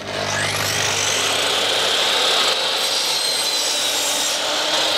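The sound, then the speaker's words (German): A power saw whines up to speed and then cuts steadily through scrap wood, cutting it to size for building worm compost boxes at a climate workshop in Bremen's Neustadt; a loud, continuous rasping buzz lasts the whole time with no one talking. “Dann schmeißen wir doch mal die Säge kurz an.”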